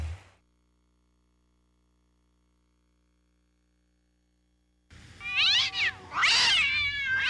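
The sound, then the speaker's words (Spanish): Several seconds of near silence give way to loud cat meows, with a few drawn-out, wavering cries overlapping one another until the end. “¿Buzo con los gatos? No, son los gatos.”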